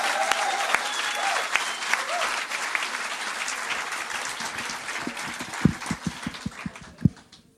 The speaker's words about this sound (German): Ich räume die Bühne und bitte das Publikum einen finalwürdigen Auftrittsapplaus für den ersten Finalisten, für den Mann aus Nürnberg,